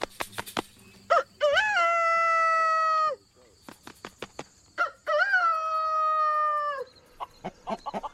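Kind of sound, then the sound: bird, rooster crowing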